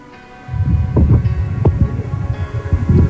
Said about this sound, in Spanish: Apague el ventilador si es lo que tiene prendido al lado, por favor. Ya, deme un segundo acá. Porque si no, lo siento como si fuera metido en un huracán.